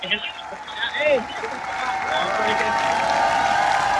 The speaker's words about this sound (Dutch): En ze komen nu, je hoort het aan het gejuich, terug het podium op.